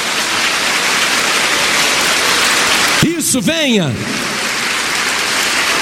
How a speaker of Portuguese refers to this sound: Isso, vamos aplaudir mais, igreja. Olha quantas vidas.